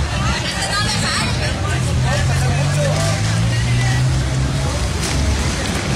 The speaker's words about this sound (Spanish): unidades del transporte público, taxis, carros particulares. Por ahí ya los claxons que en este típico sonido, pues bueno, hacen como que apoyan acá a la manifestación que se ha hecho aquí.